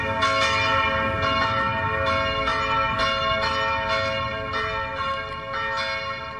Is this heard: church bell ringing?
yes